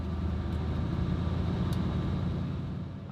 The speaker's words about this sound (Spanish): Se oye el rugido del V8. Se nota cómo funciona la caja de cambios.